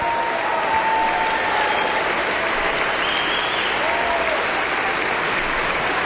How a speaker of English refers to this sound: The audience is giving a rousing standing ovation to Daniil Trifonov, who is bowing to the conductor and now to the orchestra. Conductor Dima Slobodinyuk is also bowing and thanking the orchestra.